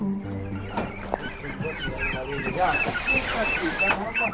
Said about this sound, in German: Ein alter Lieferwagen parkt am Straßenrand. Hühner, Enten und Gänse drängen sich in kleinen Käfigen auf der Ladefläche, kritisch beäugt von drei Geflügelfreunden.